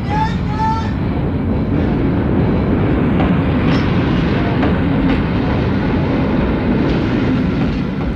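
A train rumbles steadily along the rails with a continuous low roar and faint clickety-clack, loud throughout, with a brief high whistle-like tone near the start.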